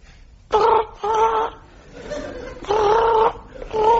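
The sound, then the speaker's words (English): A telephone rings in a double-ring pattern, two short warbling bursts, a pause, then two more, loud with no talking over it. “It's a telephone.”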